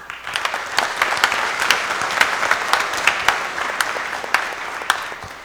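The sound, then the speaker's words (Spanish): An audience at a baptism Mass applauds together, a dense, steady patter of many hands clapping at once, sustained and fairly loud throughout with no voices standing out. “Bueno, si quieres darle un aplauso.”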